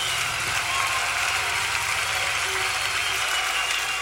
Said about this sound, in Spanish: Bendito Dios, un aplauso a aquel que es poderoso. Aleluya.